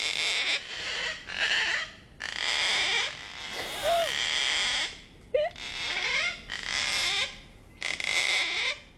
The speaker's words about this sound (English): That sound effect is so bad. I have to play it for you again. To me, this sounds like a hinge on a door that's like kind of stuck, but it's a cockatoo.